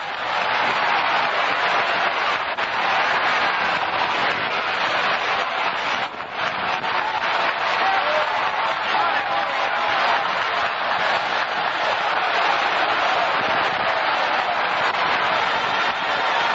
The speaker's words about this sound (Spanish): Démele un aplauso al Señor esta noche.